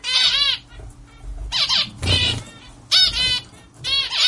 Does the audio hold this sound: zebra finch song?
yes